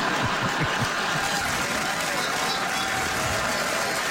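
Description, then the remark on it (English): An audience in Winnipeg claps steadily for several seconds, a dense, even wash of applause with a few scattered laughs mixed in, holding at a constant loud level throughout. “Regina will really appreciate that applause break.”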